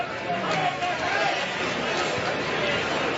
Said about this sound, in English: And just a tremendous crowd, great atmosphere here.